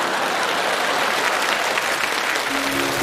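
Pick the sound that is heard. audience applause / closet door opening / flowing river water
audience applause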